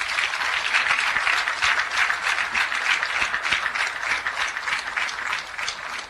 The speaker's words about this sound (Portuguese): estes jovens, homens e mulheres, nas matas de Cabo Delgado, que combatem o terrorismo 24 sobre 24 horas, de segunda a segunda, faça sol, faça chuva, faça frio, peço uma grande salva de palmas.